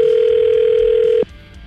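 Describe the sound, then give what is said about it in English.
A phone line's ringing tone sounds while a radio show calls a listener's phone number: one loud, steady electronic tone holds for just over a second, then cuts off abruptly, with no voices. “We're just waiting for it to ring”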